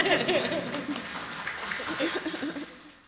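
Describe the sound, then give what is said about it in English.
An audience applauds in a dense, steady patter of clapping, mixed with scattered cheers and a few chuckles, which tapers off toward the end. “You can applaud that.”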